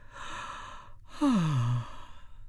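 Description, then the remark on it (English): A narrator acts out a woman's yawn: a long breathy inhale, a brief pause, then a loud voiced exhale sliding downward in pitch, heard alone. “Of course, dear, she yawned.”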